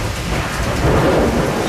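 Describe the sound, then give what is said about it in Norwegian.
A low, rolling rumble of distant thunder swells and lingers over steady rain, filling the short stretch with broad, muffled noise and no voices. “Men litt lenger unna det lynet.”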